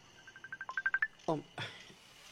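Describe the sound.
A cellphone rings with an incoming Messenger call: a quick, steady run of bright electronic beeps climbing in pitch for about a second, followed by someone talking nearby.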